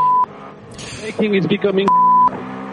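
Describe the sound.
Two steady, high censor bleeps, one brief at the start and a longer one near the end, cut into a stretch of muffled, radio-like team radio speech from Buemi in the number 8 car, third in an FIA World Endurance Championship race.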